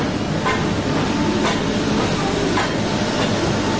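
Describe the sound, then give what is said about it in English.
A train engine rumbles steadily and loudly as it pulls into the station at Metupalayam, with soft, slow chuffing bursts roughly once a second over a continuous mechanical roar, and no one speaking. “And eventually, the little engine that could finally huffs and puffs into Metupalayam.”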